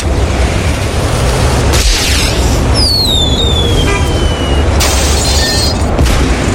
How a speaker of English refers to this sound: can I set off the firework? Yeah, go ahead.